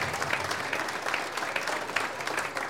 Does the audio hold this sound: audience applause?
yes